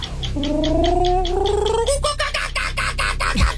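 A voice imitates a kookaburra call, starting with a rising, wavering whoop and breaking into loud, rapid, rhythmic cackling bursts that keep going for several seconds.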